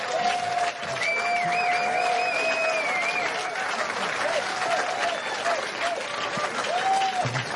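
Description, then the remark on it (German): An audience applauds an author steadily for several seconds, a dense, sustained clatter of many hands clapping at once, with a few whistles rising above the noise. “Bitte einen Applaus für Kirsten Fuchs.”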